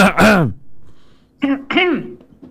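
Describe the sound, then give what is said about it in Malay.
A woman's loud, raspy cough bursts out at the start, followed after a short pause by a couple of strained, voiced throat sounds, heard alone. “Batuk Bu Haji.”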